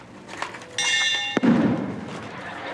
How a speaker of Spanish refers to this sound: Sí, pero tú me diste el martillazo. A mí también.